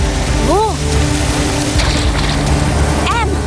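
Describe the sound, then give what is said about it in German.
Water from a canister is poured onto an electronic lock at a gate in a steady, loud rushing hiss that lasts the whole moment, with two short squeaky tones that rise and fall, one early and one near the end. “Während Elliot zwischen den Pflanzen nach der Eidechse suchte, goss ich Wasser auf das elektronische Schloss und Emma ließ es gefrieren.”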